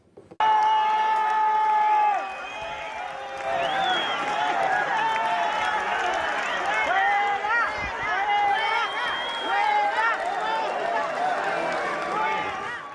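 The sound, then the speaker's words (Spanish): A crowd at the Día de Melilla ceremony in Melilla shouts and jeers "fuera, fuera, traidora, traidora" at the arriving government spokeswoman in loud, overlapping chants, voices rising and falling in repeated rhythmic bursts, with a sustained shrill whistle at the start and scattered cheers throughout. “De esta forma, gritos fuera, fuera, traidora, traidora, y ese tipo de cosas.”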